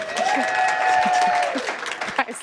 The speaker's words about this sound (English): Let's give her a round of applause.